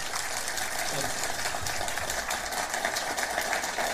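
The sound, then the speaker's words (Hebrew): An audience claps steadily for about four seconds, a dense, even wash of many hands with no clear individual beats, staying loud throughout. “יפה, מחיאות כפיים.”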